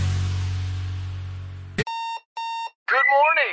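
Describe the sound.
A hiss of noise cuts off with a click, then two steady electronic alarm beeps sound in quick succession, loud, opening a Hardee's breakfast radio advertisement before a voice starts talking.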